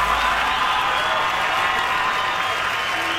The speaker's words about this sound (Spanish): Gracias. Gracias, muy amables, por los aplausos a toda la gente que se va esta tarde.